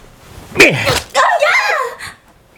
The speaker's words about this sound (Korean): 약이 오른 순간이동 요원은 유라의 눈앞에서 요리조리 사라졌다가 나타나길 반복하며 유라를 농락했다. 그러다가 갑자기 유라 앞에 모습을 드러내며 배에 주먹을 날렸다.